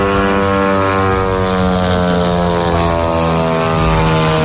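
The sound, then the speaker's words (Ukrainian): A loud, steady propeller buzz drones on without a break, a dense whining hum of Ukrainian drones over Moscow, with no voices. “Тисяча українських дронів над Москвою щодня.”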